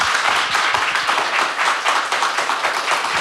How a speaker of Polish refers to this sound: Bardzo dziękuję. Dziękuję. Wielkie brawa.